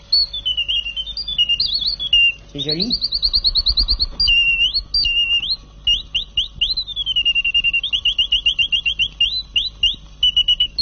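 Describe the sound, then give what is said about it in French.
A small mechanical toy bird from America, owned for at least forty years, chirps and warbles continuously in high, shrill trills and rapid repeated whistles, with one swooping glide; a brief spoken remark passes beneath it. “un petit oiseau mécanique que je vous ai apporté, que je vais vous faire entendre”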